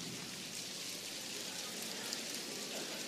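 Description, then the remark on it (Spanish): Fingers tapping rapidly on a palm to imitate heavy rain, producing a dense, steady patter that holds at an even, moderate level for a few seconds with no talking. “Miren cómo es la lluvia más intensa.”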